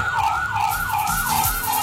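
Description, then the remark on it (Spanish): An ambulance stuck in a traffic jam sounds its siren in a fast, repeating rise-and-fall wail, loud and steady, over a low rumble of traffic and idling engines with no one speaking. “Hasta ambulancias atascadas ahí en medio del tráfico.”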